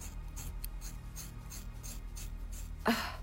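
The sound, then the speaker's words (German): Scissors chew through very thick, long hair in a quick, steady run of crunchy, raspy snips, ending with one sharper, louder cut over a low background hum. “Ich komme mit der Schere.”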